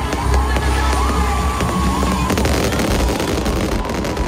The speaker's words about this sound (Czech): Absolutně samou chválu, promyšlená dramaturgie, ohňostroje, které teda byly slyšet přes půl a vidět přes půl Prahy taky.